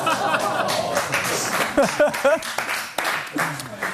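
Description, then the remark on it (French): A live audience bursts into steady applause, a dense wash of clapping lasting several seconds, with a few cheers and voices rising through it. “C'est le premier applaudissement de notre histoire ici.”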